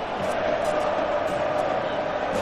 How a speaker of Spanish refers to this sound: Es un estadio de la Argentina, ¿no? Lo que se escucha.